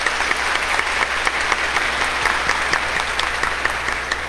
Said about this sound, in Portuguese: Uma salva de palmas às irmãs.